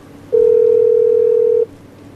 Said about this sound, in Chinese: 嘿，不接电话啊？怎么不接电话？ 再试一次。 你对对，再试一次。 好嘞。